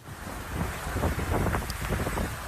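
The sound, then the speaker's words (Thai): Strong wind roars across an open microphone while sea waves churn and slap off Jomtien Beach, Pattaya, Chonburi, Thailand, during heavy rain. A dense, steady rush of noise with surging gusts and no voices. “ที่เมืองพัทยาเกิดฝนตกหนักและก็คลื่นลมแรงนะครับเป็นเหตุทำให้เรือใบของนักกีฬาชาวต่างชาติพลิกคว่ำกลางทะเล”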